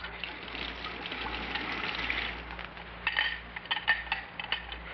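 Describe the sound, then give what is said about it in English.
Water pours steadily into a glass for a few seconds with a bright gushing hiss, followed by several light clinks of glassware. No one speaks. “Water or soda, pussycat?”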